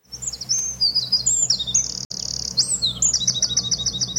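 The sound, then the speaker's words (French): A willow tit's whistling song: a run of clear, high, pure whistled notes, some sliding and others held steady, repeated in quick phrases over a low, steady background rumble. “C'est une mésange des saules, absolument. Alors, il y a aussi des sifflements.”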